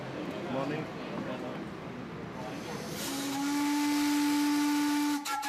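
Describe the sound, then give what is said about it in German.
Steam hisses broadly at first, then a 900-horsepower steam locomotive in Montevideo, running tender-first about 1 kilometre to Estación Nueva to collect its carriages, sounds one long, loud, steady whistle tone with harmonics, cutting off abruptly near the end, with a narrator's voice faintly beneath. “Den legt die Lok Tender voraus zurück, um dort ihre Wagen an den Haken zu nehmen, denn im Hafen von Montevideo ist ein Kreuzfahrtschiff vor Anker gegangen und dessen Passagiere haben den Zug gebucht.”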